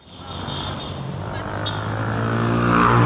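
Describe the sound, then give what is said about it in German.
Busy street traffic in Cairo, Egypt, around a traffic island between two large streets: a steady roar of engines that swells as a vehicle approaches and passes, growing louder toward the end. No voices stand out. “Der Anblick der meterhohen Statue genügt, um das Kairoer Straßenchaos für einen Moment zu vergessen”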